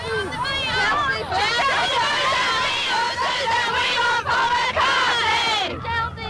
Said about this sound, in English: That lusty chorus came from a bevy of young ladies standing out here in the rain.